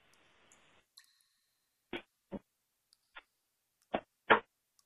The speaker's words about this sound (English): I have opened the deck from the box, removed the deck from the cardboard box, and they are in my left hand.